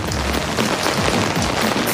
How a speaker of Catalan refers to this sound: Que veig sota el paraigua i amb una pluja abundant, eh?